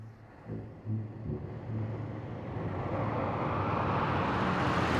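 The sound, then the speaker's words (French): A large convertible car, a Cadillac, pulls up and stops: its engine rumbles low and steady, then a broad rushing whoosh builds and grows louder as it approaches, with no voices. “Heureusement, après quelques minutes, une grosse voiture décapotable s'arrête à leur hauteur.”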